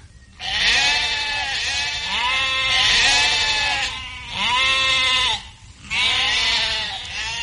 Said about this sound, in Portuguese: Nós vamos ver antes o que é uma ovelha. Talvez você nunca tenha visto uma ovelha e nem sabe como ela é e como ela vive. Geralmente, elas dormem num lugar chamado aprisco e o pastor toma conta delas.